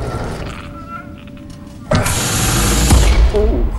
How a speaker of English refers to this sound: Austin prizes open huge sliding doors.